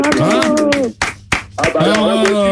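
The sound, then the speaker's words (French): A handful of sharp, irregular hand claps ring out over loud, overlapping voices, with a brief pause in the middle where the claps stand out more clearly. “J'applaudis.”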